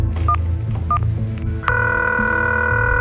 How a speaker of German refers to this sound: Immer wieder greift sie zu ihrem Handy und versucht, ihre Tochter zu erreichen.